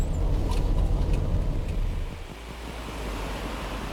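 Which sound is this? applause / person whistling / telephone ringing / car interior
car interior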